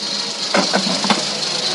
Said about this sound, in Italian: Le pellicole erano mute. Il proiettore girava a mano, proprio così, con la manovella.